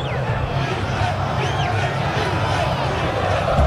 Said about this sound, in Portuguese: Esse é o grito, Inter, Inter, Inter, gritam os 2.000 colorados que estão aqui na Arena Corinthians, aplaudidos de pé pelos jogadores do Inter